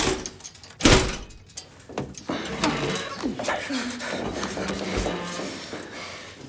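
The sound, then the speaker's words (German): A few small metallic clicks lead to a loud, sharp clunk of a door latch releasing as the door is unlocked, followed by the door moving open while people start talking over it. “Schließ auf.”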